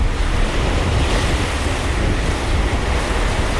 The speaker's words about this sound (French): Des flots sombres et un ciel d'un bleu très pur. Voilà la Méditerranée orientale, la Médor, comme l'appellent les marins. Entre Chypre et Crète, ce mercredi 29 avril, l'étrave du Charles de Gaulle fend les eaux à un rythme d'enfer.